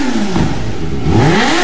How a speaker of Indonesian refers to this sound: Ini orang tuh jam tidur siang baru ribut yang gas-gas motor di depan orang ke rumah.